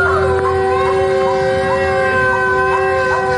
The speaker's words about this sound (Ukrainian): У Херсоні звучить тривога. До речі, дуже такий специфічний, безперервний звук. Ми зараз у самому центрі міста.